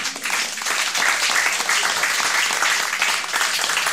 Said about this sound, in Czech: To je na potlesk.